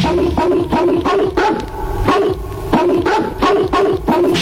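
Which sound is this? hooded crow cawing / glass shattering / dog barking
dog barking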